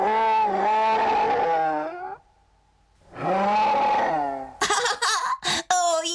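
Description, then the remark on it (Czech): Two long, loud bear growls with a deep rumbling roar, each lasting about two seconds with a short pause between, followed by a series of harsher, choppy snarls and grunts. “No tak pozor, 3, 2, 1, medvěd.”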